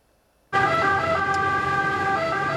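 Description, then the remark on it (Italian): Fire brigade sirens blare in abruptly after a brief silence, loud, holding steady overlapping tones over a rumble of road traffic, as fire crews arrive at the Rally Mille Miglia near Brescia, Italy, after a spectator was struck by a rally car during a special stage, with the public standing at the roadside. “L'arrivo a sirene spiegate dei vigili del fuoco, il pubblico fermo a bordo strada per far passare i soccorritori.”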